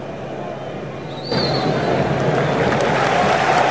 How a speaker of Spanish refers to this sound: Seguido por los aplausos de todo el público, de los propios jugadores y de cada uno de los representantes de estas selecciones.